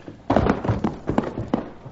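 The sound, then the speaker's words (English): A horse's hooves clop and shuffle in a quick, uneven series of hollow thuds as the animal steps about in place while a rider is helped down off it; no one speaks. “All right, Cherokee, help Mrs. McCarty off her horse.”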